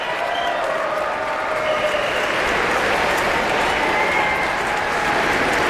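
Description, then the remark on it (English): At the Aspen Music Festival, a large audience on its feet applauds wildly, section by section, as groups of the orchestra stand up at conductor Robert Spano's direction: a dense, steady roar of clapping at full strength throughout with a few faint cheers mixed in, and no one speaking. “The audience, of course, is on its feet, applauding wildly, section by section, as the different groups of the orchestra stand up at Robert Spano's direction.”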